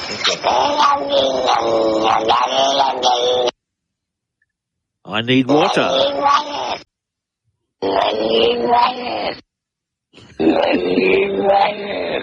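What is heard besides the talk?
cat yowl played backwards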